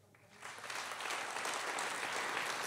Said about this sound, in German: Und erntet dafür Applaus.